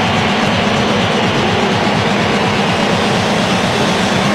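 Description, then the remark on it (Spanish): A huge crowd of Argentine fans at the Kansas City stadium, which holds 76,000, roars in a sustained ovation for Dibu Martínez before Argentina's World Cup match against Switzerland. It is a dense, loud wall of cheering that holds steady for the whole few seconds without letting up. “Escuchen ustedes la ovación al Dibu Martínez.”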